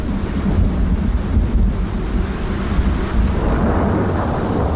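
A thunderstorm with deep, continuous rumbling thunder rolling beneath steady rain, the low roar filling the whole scene at a loud, even level with no voices present.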